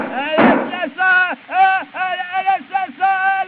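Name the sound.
revolver gunshot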